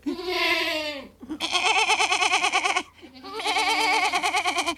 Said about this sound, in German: Das hat eine sehr lustige Sprache, so eine kleine Ziege.